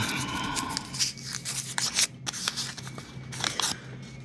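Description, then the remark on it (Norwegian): Crisp paper rustling and crinkling in a series of short bursts as a crumpled paper slip is drawn by hand in a prize draw and unfolded, with no talking. “Så tar jeg den, så skal vi se hva det står på den da.”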